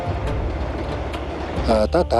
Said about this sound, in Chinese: 列火车呼啸着开过来，就跟一匹脱缰的烈马一样。